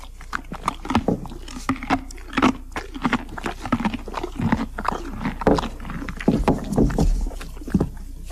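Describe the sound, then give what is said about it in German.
A horse crunches and chews a hard candy, with loud, irregular cracking bites and wet grinding repeating steadily throughout, no voices present. “Ich möchte uns die Zeit vertreiben, indem wir einem Pferd zuhören, wie es ein Bonbon isst.”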